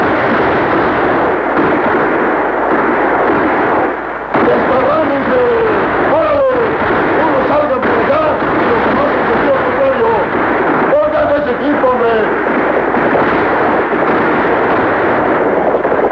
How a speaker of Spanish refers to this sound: Sin embargo, los forajidos dominan la situación desde sus caballos disparando a diestra y siniestra.